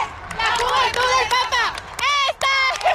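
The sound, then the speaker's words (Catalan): A large crowd cheers and chants together, bidding farewell to the Royal Guard leaving on horseback; many voices rise and overlap in a loud, continuous swell with a brief dip near the end. “En tot cas, ara sí que sentim a molta gent acomiadant la Guàrdia Real a cavall, que abandona, i els càntics de la gent.”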